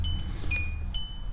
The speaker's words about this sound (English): The next sound you hear will be me getting out of my car in my garage.